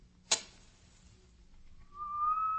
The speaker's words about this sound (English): As the match flared, I heard a low, clear second whistle.